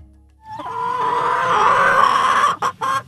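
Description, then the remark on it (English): A chicken clucks, one long, drawn-out squawking call followed by a few short, choppy clucks at the end. No other sounds accompany it. “There's plenty to cluck about in North Eaton and Lorain County.”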